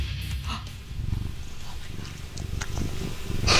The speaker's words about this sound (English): He's stroking a cat. He should be sitting in a volcanic lair right now. Oh, the kitty is in... Are you purring? You should turn the music down. Is he purring?